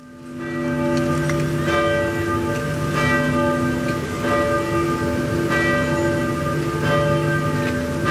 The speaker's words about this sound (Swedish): kyrkklockorna har ringt på flera håll i Norge för att hedra den avlidne kung Harald som blev 89 år